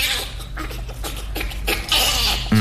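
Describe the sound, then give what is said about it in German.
A bonobo laughs in a run of quick, breathy, panting bursts with a few high squeaky notes, over a low steady background hum. “Oder ich hätte sonst noch zur Auswahl einen Bonobo.”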